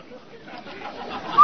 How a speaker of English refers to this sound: Say, Annie, did you hear that whistle? Sure did, Amos. That whistle means rinse-o white, rinse-o bright, rinse-o new.